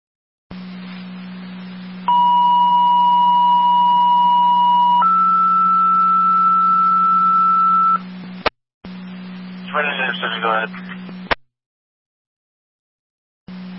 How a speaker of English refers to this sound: Second set of tones for an EMT driver.